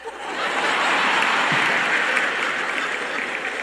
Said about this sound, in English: I'm not sure if that was a clap or not, but sounded like somebody started to clap and then decided to quit. I wasn't sure.